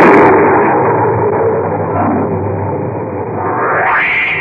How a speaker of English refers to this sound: Just then, there was a tremendous thunderclap, and the electric lights failed.